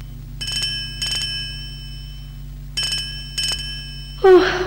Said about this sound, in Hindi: कौन है रात में भी परेशान करते हैं, सुकून नहीं है, किसका फोन है?